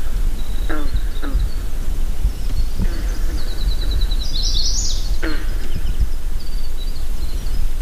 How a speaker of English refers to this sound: We paddle past a pair of loons, watch a kingfisher in a streak of blue nosedive into the lake to retrieve a fish, observe an eagle perched on a tall spruce, and move quietly into a cove to record a jangly chorus of green frogs.